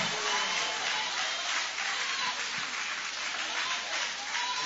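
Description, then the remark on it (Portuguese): An audience at a worship service applauds steadily, a dense, continuous wash of many hands clapping at an even loudness throughout, with faint voices mixed underneath. “Pode tomar o vosso assento, guarda a sua Bíblia com carinho, e podem aplaudir, pode adorar, pode exaltar.”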